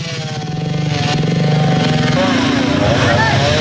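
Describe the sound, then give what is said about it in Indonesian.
A chainsaw drones loudly and steadily as the Parepare city fire and rescue service and BPBD cut a tree trunk so it can be moved from the middle of the road, its buzzing engine note climbing higher partway through as it revs under load. “Pemadam Kebakaran dan Penyelamatan Kota Parepare bersama BPBD memotong batang pohon menggunakan gergaji mesin agar bisa segera dipindahkan dari tengah jalan.”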